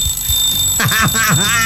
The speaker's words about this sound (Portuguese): deixa eu ver se eu pego o despertador aqui, cadê o despertador?